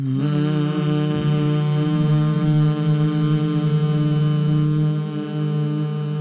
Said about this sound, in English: Let's take a deep breath together and a hum.